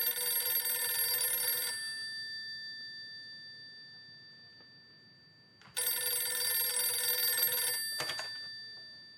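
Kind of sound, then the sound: signal or alarm, telephone bell ringing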